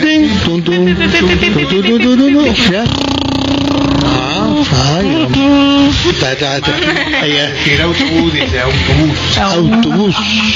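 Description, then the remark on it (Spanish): A voice imitates a bus engine as a breathing exercise for a voice-over course, with a loud, sustained vocal rumble, its pitch wavering up and down like revving and shifting gears, continuing for about ten seconds. “El autobús.”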